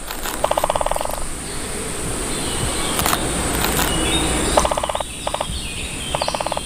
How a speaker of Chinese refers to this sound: 大斑啄木鸟非常善于啄凿这些高耸的松树。借助强大而锋利的鸟喙，大斑啄木鸟可以在树干上熟练地凿出深深的树洞。